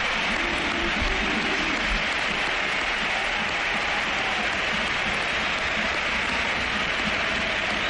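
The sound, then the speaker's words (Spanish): A stadium crowd at the Sánchez Pizjuán gives Luka Modric a standing ovation, a dense, steady wash of applause and cheering that holds at full strength for the whole stretch, with no single voice standing out. “Claro, vamos, nos ponemos de pie y dejamos que suene el Sánchez Pizjuán.”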